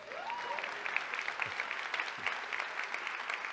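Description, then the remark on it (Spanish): An audience applauds in a steady, dense wash of clapping that holds an even loudness for the whole stretch, with a brief rising whoop near the start. “Se quedan con ganas de aplaudir.”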